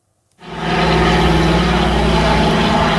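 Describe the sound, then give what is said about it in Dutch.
After a brief silence, a loud, steady drone of piston propeller engines cuts in and holds. A deep, rumbling roar with a throbbing harmonic hum as a Dakota aircraft flies over, arriving from England at Lelystad for the Aviodroom exhibition. “Dat wordt gevierd met het overkomen van een andere Dakota uit Engeland naar Lelystad.”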